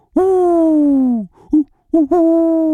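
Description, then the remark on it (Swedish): A person imitates an owl's hoot, sounding more like an 'O' than a 'U': one long, drawn-out hoo followed by a few shorter, clipped hoots, loud and steady with no other sounds. “En uggla som säger O.”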